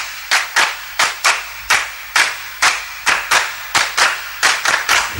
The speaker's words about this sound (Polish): a skoro już o tym mowa, to teraz dla pewnej dziewczynki brawa.